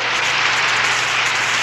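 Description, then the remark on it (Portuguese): A steady, dense wash of applause from a crowd at 6 in the evening, many hands clapping at once without a clear rhythm, fairly loud and continuous with no voices standing out. “Mais palmas, oi!”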